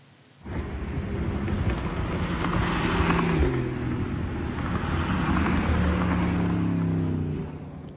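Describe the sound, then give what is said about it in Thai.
Steady roar of cars streaming along the M6 intercity motorway in Thailand, between Bang Pa-in, Ayutthaya, and Nakhon Ratchasima, during its free trial opening, as highway police signal by hand for cars to slow; engines and tyre noise blend into a continuous rush that starts abruptly and holds loud for several seconds, with no voices. “ตำรวจทางหลวงพยายามส่งสัญญาณมือเพื่อให้กลุ่มรถยนต์ที่ขับมาลดความเร็วลงนะครับบนทางหลวงพิเศษระหว่างเมืองหมายเลข6หรือว่ามอเตอร์เวย์ M6 หลังทดลองเปิดให้บริการฟรีในช่วงวันศุกร์ถึงวันอาทิตย์จากอำเภอบางปะอินจังหวัดพระนครศรีอยุธยาถึงอำเภอเมืองนครราชสีมา”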